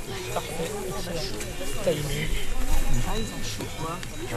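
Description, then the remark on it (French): Cowbells clank and ring irregularly, several metallic tones overlapping in a steady jangle at a moderate level, with a low murmur running underneath. “Même les des cloches de vache.”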